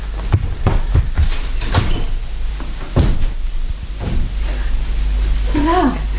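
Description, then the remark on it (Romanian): Several quick knocks on a door rap out in a loose cluster, then a couple of heavier thuds follow, with a brief voice rising near the end over a steady low hum. “Știi, ne era frică să nu crezi că e poliția. Poliția nu bate la ușă, dă buzna.”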